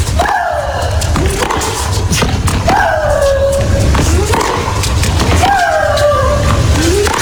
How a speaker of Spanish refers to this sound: esos gritos de María Sharapova, y es porque acompaña el golpe la exhalación.